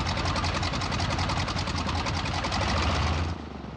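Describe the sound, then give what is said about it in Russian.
Titarenko's propeller plane, just landed, runs loud with a rapid, steady rhythmic throb, then drops off sharply near the end as he shuts down the engine. “Севший рядом Титаренко глушит мотор, сняв с плеч лямки парашюта, вылезает из кабины.”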